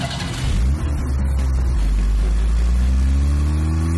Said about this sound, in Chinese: 车一直开到了国安局的办公楼。